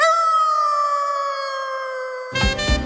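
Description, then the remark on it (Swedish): A long, sustained wolf howl holds a steady high pitch, drifting slightly lower for about two seconds before giving way abruptly to a burst of busier, lower-pitched sound. “Fåglar dansar, vargar ylar”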